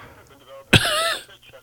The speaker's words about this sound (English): Sounds like you're coughing quite a bit there